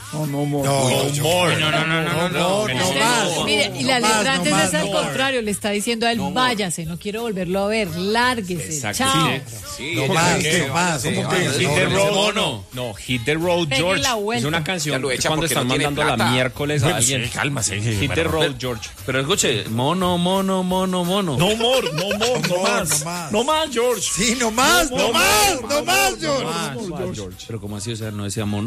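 A soul song plays loud and steady, with expressive sung vocals weaving over a full band backing for the whole stretch, with only brief dips between phrases.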